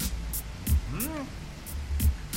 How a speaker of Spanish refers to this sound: Está lloviendo. Llueve en Santa Rosa. Ok, 7:34 minutos, 7:34 PM. Llueve fuerte.